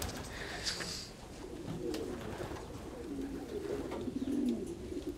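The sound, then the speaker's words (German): Pigeons coo in low, rolling murmurs that overlap one another continuously, with soft rustling and a few faint higher chirps around them. “Ich bin eben viel in der Natur und ich lebe bei den Tauben, bei den Tieren und so.”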